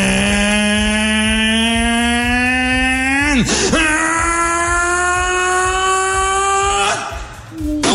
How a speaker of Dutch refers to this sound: En toen begon het bootje te varen. Nou, dat had ik ook nog nooit meegemaakt. Dit is wat je hoort als het bootje gaat varen.